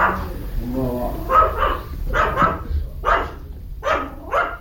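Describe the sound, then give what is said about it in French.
A dog barks repeatedly at a small ryokan as visitors enter, in short, sharp pairs, roughly once a second, over a low background rumble. A faint voice murmurs briefly at the start. “Accueilli par les aboiements d'un chien.”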